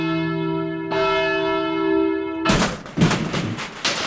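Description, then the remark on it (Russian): A steady electronic tone hums over a phone line for a couple of seconds, then cuts into loud, harsh bursts of static and crackle as a caller's call from Ivanovo region drops over a bad connection. No voices. “Вот мы слышим, что ваш звонок сорвался.”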